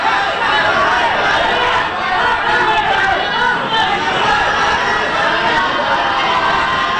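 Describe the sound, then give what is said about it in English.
A large crowd in Indonesia chants and shouts together as Dadan Hendayana is escorted in handcuffs from the Attorney General's office, a dense, loud, unbroken roar of many voices with no single speaker standing out. “Crowds chanted as Dadan Hendayana was escorted from the Attorney General's office in handcuffs.”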